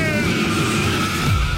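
A loud race car engine roars while tires skid and squeal in a sustained screech, with a rumbling low end throughout the short burst.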